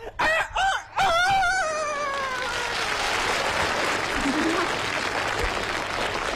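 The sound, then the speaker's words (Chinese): A human voice imitates a rooster crowing: a few choppy rising calls, then a long drawn-out falling wail, loud, followed by a wash of audience applause and noise. “我看你不是哭星， 那我是 鸡打鸣，你根本当不了哭星。”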